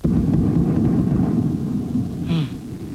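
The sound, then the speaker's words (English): Very loud explosions in Kyiv, Ukraine, roll together into a heavy, low booming rumble that fills the whole stretch, with a brief higher hiss rising near the end. “very, very loud explosions like these.”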